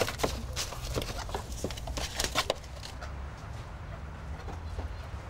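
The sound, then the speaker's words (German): A rooster clucks in short, scattered bursts as it is put into a pen, with rustling and shuffling movement underneath for the first half before things settle into a low, steady background noise. “Ich glaube, das ist sogar der Hahn, den wir haben.”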